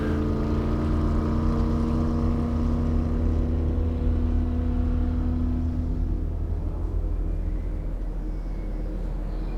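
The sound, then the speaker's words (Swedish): A white motorboat's engine starts and roars loudly and steadily, its droning hum holding strong before thinning out and easing slightly as the boat speeds away out onto the lake. “Motorn startar och de kör snabbt iväg ut på sjön.”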